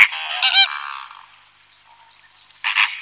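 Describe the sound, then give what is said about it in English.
Loud, nasal honking calls from wading birds ring out in two bursts, one early with a trailing drawn-out call and another near the end, with no voices. “But I heard them making noises a lot, and it's crazy how loud they can be.”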